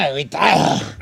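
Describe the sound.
On the radio station La Que Buena 105.5 and 94.3, a man speaks briefly, then a rough, drawn-out growl follows, a human voice imitating an angry dog for about a second.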